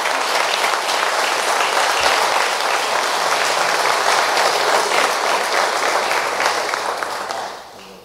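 People clap steadily for several seconds as applause for Jesus, a dense, even wash of applause that fades out near the end. No one speaks over it.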